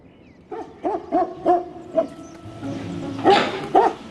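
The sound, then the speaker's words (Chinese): Several angry stray dogs bark at a young brown bear cub by food bins, a rapid series of sharp, mid-pitched barks, about eight in all, with a couple of louder overlapping barks near the end and a low rumble underneath. “面对怒气冲冲的流浪狗，才刚开始学习觅食的小棕熊慌了神，气生生躲在母熊背后不敢妄动。”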